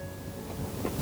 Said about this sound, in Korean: 파도 소리가 절석절석. 울진 앞바다를 훤히 내려다볼 수 있는 망양정.